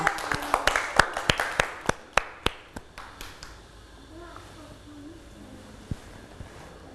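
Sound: children clapping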